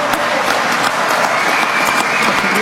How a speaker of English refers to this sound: I love the applause from the audience in that one, too.